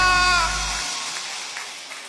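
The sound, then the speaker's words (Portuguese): An audience applauds a performer on the music programme Nas Mãos de Deus in a steady, hissing wash of clapping. A brief high, voice-like cheer sits at the start, and the applause slowly thins out over a couple of seconds. “aplauda mais forte porque ele merece.”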